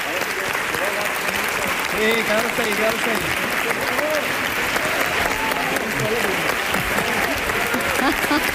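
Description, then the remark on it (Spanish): Sustained, loud standing ovation from a large audience on its feet after a sung and played performance fills the whole stretch, dense and steady, with voices talking and calling out over the clapping. “Ovación del público puesto en pie, ¿eh?”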